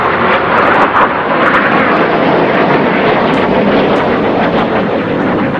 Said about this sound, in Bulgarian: Воени авиони F-16, управувани од пучистите, заговорниците на државниот удар, почнаа да реализираат ниски летови над Анкара, со цел да го заплашат народот.